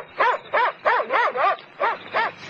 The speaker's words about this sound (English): Hey, what's that? An Alsatian.